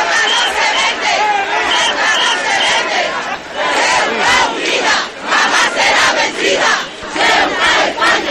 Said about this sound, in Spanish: Miles de ceutíes, alrededor de 10.000, se lanzaban a las calles para gritar con fuerza, además.